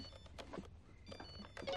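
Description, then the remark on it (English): A phone rings faintly, with thin electronic tones sounding amid scattered rustling and clattering noises. “Whose phone is that?”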